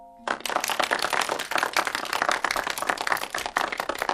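Applause from a group breaks out abruptly after a brief faint tone, a dense, steady patter of many hands clapping that stays loud and even for about four seconds, at the opening of the Grade 6 Class 7 self-service shared library at Yangguang Primary School, welcoming the class head teacher to speak.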